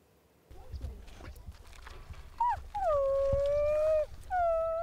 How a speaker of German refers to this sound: in Zwiesprache mit ihren Wölfen im Herzen von Norwegen. Der Naturpark Langedrag im Gebirgsland zwischen Oslo und Bergen ist ihr Paradies.